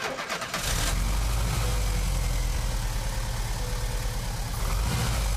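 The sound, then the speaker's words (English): A car engine, just repaired at the distributor in the jungle, cranks briefly at the first press of the starter button, catches and roars to life, then settles into a steady idle with a low rumbling throb for several seconds. “Then replaced it and the distributor cap, and the engine sprang to life with the first press of the starter button.”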